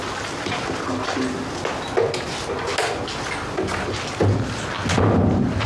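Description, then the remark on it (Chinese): A door being shut: a few dull, muffled thumps and knocks scattered over a steady background hiss, with no voices. “睡觉去。关门。”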